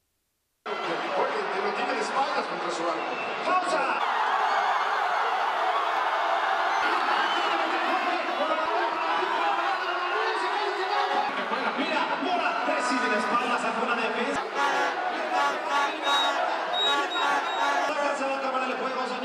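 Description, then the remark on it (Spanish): A large crowd of people cheers and shouts in celebration of goals during a game, a dense, loud roar of many voices that begins abruptly and holds steady throughout, with individual yells and whoops rising above the din. “Vamos primero con las reacciones, pues, de la gente en medio de esta celebración entre azul y medias noches.”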